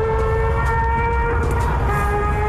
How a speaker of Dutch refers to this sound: Ja. Ja, motorrijders die op de doorgaande weg en we even iets te hard doortrekken.